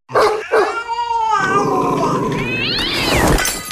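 cats meowing and caterwauling

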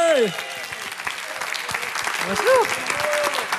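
audience applause

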